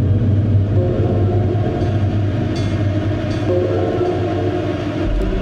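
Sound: train passing on rails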